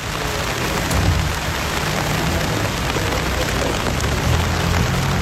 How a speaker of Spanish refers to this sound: Minuto de silencio bajo esa intensa lluvia que escuchamos de fondo